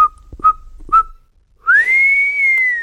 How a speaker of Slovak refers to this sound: Na siedmy deň to už nevydržal a keď si bol istý, že je na porube v štôlni celkom sám, neisto, ale predsa len placho zapískal.